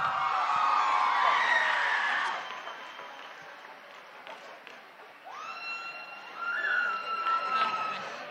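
A crowd claps and cheers, loudest at the start before settling into a steadier din, with whoops and whistles rising over the noise toward the end.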